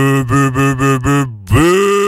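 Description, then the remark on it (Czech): A voice imitates a cow in heat: five quick, throaty low groans in a row, a short pause, then one louder, drawn-out moo that swells and holds. “Slyšel jsi někdo prvního zpíváka, ty jsi udělal normální krávu v říji.”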